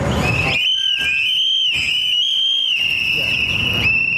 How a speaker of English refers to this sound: calls on the crowd to blow into their whistles, a popular tool to warn others of ICE activity, as they commemorate two men recently killed by ICE agents across the country.